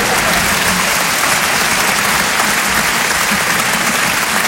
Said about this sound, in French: Pas facile de lancer des applaudissements avec vous les gars, hein? Alors qu'on s'est quand même entraîné tous les soirs à 20h pendant le premier confinement quand même, hein?